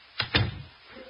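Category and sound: household object, door being shut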